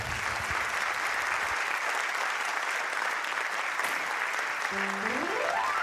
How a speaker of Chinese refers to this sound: 好，感谢大家满满的掌声啊！